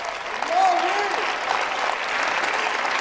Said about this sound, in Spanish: Dale un aplauso al Dios del cielo.